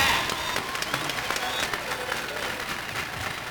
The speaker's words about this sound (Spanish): Y por aquí se encuentra …. Un aplauso para ….